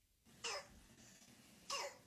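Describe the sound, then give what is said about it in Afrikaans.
Two harsh, barking croup coughs with a seal-like, brassy quality, spaced about a second apart, fairly loud against a quiet background with no talking. “En so klink 'n kroep hoes.”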